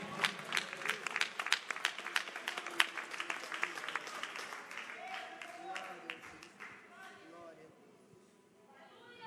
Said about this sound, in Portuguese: Palmas que engrandece o nome do Senhor.